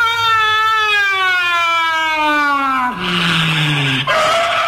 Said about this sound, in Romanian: De ce ați frânat așa brusc? Mă scuzați, nu puteam merge mai departe, că aici e peretele garajului.